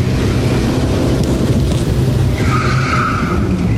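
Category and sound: vehicle, car arriving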